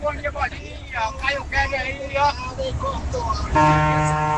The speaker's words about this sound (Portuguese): E aí, vai, mais uma buzina! Mais uma buzina do Brasil! É, essa buzina aqui a gente já conhece, já, né?